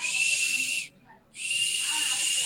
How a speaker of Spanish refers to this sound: En honor a Guillermo Volpe, que es un silbato torpedo.